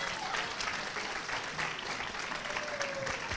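A crowd claps for the choir director in a dense, continuous burst of applause that stays at an even, fairly loud level for a few seconds, with no one speaking over it.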